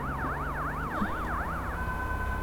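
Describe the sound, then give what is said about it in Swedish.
An ambulance siren wails in a fast up-and-down yelp, then settles into a steadier tone as it moves off, with traffic rumble underneath and no one speaking. “Den kör iväg.”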